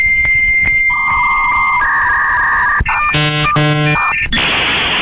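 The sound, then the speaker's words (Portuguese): A dial-up modem connecting to the internet: steady tones and quick beeps give way to warbling, buzzy handshake chirps and end in a loud hissing screech, with no talking. “Quem lembra desse som inconfundível da conexão discada?”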